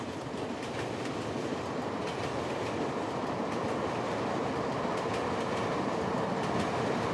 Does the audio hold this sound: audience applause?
no